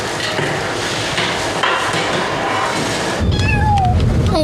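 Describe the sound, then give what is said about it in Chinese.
After a stretch of steady rustling noise, a cat, one of the recently arrived cats, lets out a few short meows near the end, heard over continuing background noise with no talking. “你这侧脸还是颇有姿色的，最近新来的猫还都挺有意思的。”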